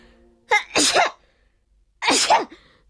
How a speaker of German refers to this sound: Schnupfennase niest und niest.